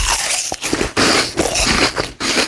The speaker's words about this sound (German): Es sind diese winzig kleinen Ticks, die uns in Beziehungen wahnsinnig machen. Ständiges Räuspern. Stöhnen bei jedem Bücken. Und dieses unerträglich laute Schmatzen, wenn er seinen Apfel isst.